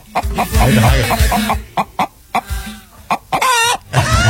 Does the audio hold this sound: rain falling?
no